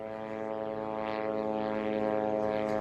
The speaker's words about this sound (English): Well, these strikes are terrifying, just like the sound of the buzzing drone above the sky of the Gaza Strip.